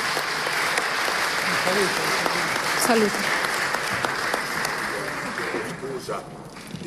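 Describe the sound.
Sustained applause from a large audience welcoming the President of the Senate, Ignazio La Russa, a dense steady clatter of many hands, with a man's voice briefly speaking over it before the clapping begins to thin out.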